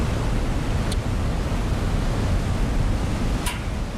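A steady, full roar of rushing water from the Caldarés River, with waterfalls crashing down between rock walls and damp forests, along the Panticosa walkways in the Aragonese Pyrenees, Huesca province, fills the scene without a break. Two faint, brief high chirps cut through near the start and end.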